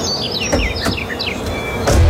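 Parrots chirp in quick, high, sliding tweets, several short calls overlapping over a steady low background hum that swells slightly at the end. No one speaks.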